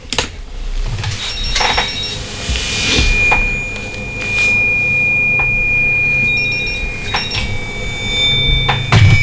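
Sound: telephone call ringing tone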